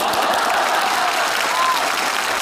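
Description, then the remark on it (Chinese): An audience claps steadily, a dense, even patter of many hands that holds at a constant loudness without a break for the whole stretch. “请坐， 不坐， 请坐， 不坐， 你还非得大伙儿给你鼓掌啊？”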